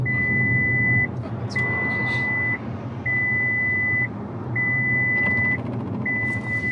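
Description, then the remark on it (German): A car's drowsiness-detection assistance system sounds a steady electronic warning tone in regular long pulses, five in a row, each about a second long, over the low rumble of the engine and road noise, after the driver, wearing sunglasses, tilts his head as if asleep and stops steering. “Schon nach wenigen Sekunden schlägt das Auto Alarm.”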